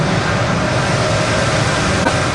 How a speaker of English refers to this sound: It's coming from hundreds of cooling fans that make sure the stacks of computers don't overheat.